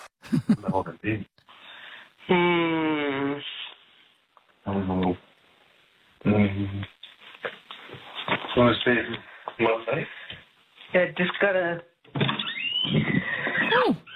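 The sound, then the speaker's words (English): A horse whinnies once in a long, wavering call, tinny and band-limited as if played through a phone or radio, amid bursts of people talking. “Oh, you're letting the horses in.”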